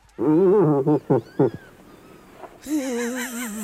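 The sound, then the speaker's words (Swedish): An irritated cow moose vocalizes: a long, loud, wavering moan, then two or three short grunting bursts, a brief pause, and another drawn-out wailing call. “Nej, det är en irriterad älgko.”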